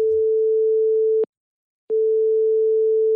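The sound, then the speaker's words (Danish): A telephone ringing tone on an outgoing call to a communications and campaign chief at Realdania: a steady, clear single-pitched tone that breaks off briefly and then resumes, heard on its own with no voices. “Jeg ringer til Christine Viren.”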